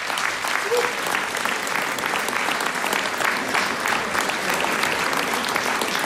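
Sustained audience applause at the start of a show, a dense, steady patter of many hands clapping at an even loudness throughout, with no voices standing out above it.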